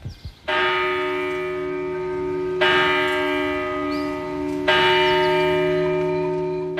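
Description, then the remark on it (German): The bell of the Church of St. Calixtus in the village of Brienz, Albula valley, Graubünden, Switzerland, tolls the hour on a cold, foggy October morning with three slow, heavy strokes about two seconds apart, each rich, humming ring carrying into the next. It sounds clear, with no voices. “Die Glocken vor Kirche vom Heiligen Calixtus schlönt unbeirrt die Zähne.”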